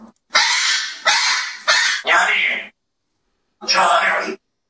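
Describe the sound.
A talking parrot named Grigory lets out loud, raspy, speech-like squawks: four quick bursts in a row, a short pause, then one more harsh call.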